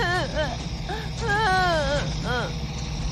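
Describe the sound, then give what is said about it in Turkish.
A frightened child cries in a series of wavering, high-pitched wails and whimpers broken by short pauses, with a constant low rumble like an engine running underneath. “Ne oldu? Neden ağlıyor?”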